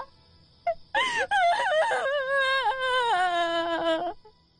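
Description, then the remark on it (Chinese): A single long, mournful wailing cry rises and falls in sustained harmonic tones for about three seconds, loud, with a brief sob-like catch near the start and no talking, coming from a grass hut at night in Banquan, 5,000 years ago. “一阵凄惨的哭声犹如惊雷炸响，划破寂寥，在高远的夜空久久回荡。”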